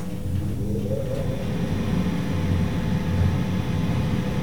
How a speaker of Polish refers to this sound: Jestem skierowany w stronę drzwi, które się zamykają. Właśnie, jak Państwo słyszeli, się zamknęły. Tak, jedzie winda, teraz wentylator.